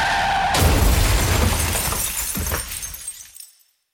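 Glass shatters with a sudden loud crash, then fragments tinkle and scatter for a few seconds before fading out. No voices.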